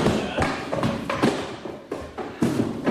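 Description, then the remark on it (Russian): Heavy wooden crates of eggs, with German-language stickers and a Russian chalk label reading "Careful, eggs", thud and knock as they're carefully handled and set down, five or six irregular bumps over shuffling movement noise, moderately loud. “Да, вам его ящики. Ага. Немедленно, осторожно. Осторожно, осторожно.”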